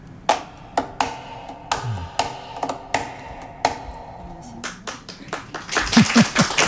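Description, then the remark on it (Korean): A cajón is struck on its wooden body in a steady rhythmic pattern, with crisp, sharp slaps over a soft low thump, the hits quickening into a dense flurry toward the end. “네, 그리고 그 악기의 몸체를 두드려서 리듬을 만들어내는 까하 소리가 있는데요.”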